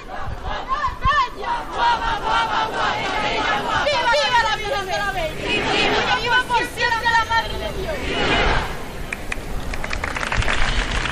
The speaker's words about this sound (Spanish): Como habéis podido escuchar, están los rematantes de la vara del 15 de agosto. Escuchen los vivas que le están diciendo a la Virgen de la Bella.